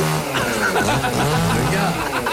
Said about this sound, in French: Non, mais viens te rapprocher du micro, faites silence. Écoutez-le smoucher.